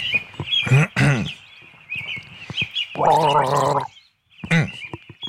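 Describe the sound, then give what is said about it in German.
A person gargles a short three-note tune, not a classical piece, with bubbly pitched gurgles rising and falling in a few bursts and a sustained watery gargle in the middle, fairly loud. “Du bist ein bisschen, bist schon sehr knausrig geworden beim Gurgeln.”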